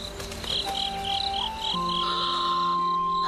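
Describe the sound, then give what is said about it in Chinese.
Night crickets chirp at a campsite on Wugong Mountain in rapid, repeating high-pitched pulses, joined by a steady whining insect tone underneath. The chorus stays fairly even and continuous throughout, with no voices. “这里是武功山，今晚就在这儿露营扎寨了。”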